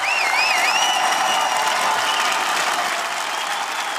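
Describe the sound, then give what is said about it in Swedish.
A large crowd of residents gathered outside the parliament in Budapest, Hungary, cheers and applauds continuously in the afternoon as Péter Magyar is sworn in as prime minister, a dense roar of clapping with whistles rising over it, loud and sustained throughout without any speech. “Jubel bland invånarna nu på eftermiddagen som samlats utanför parlamentet när Peter Madjar sågs in som premiärminister för en liten stund sedan.”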